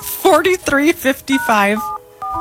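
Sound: telephone keypad dialing tones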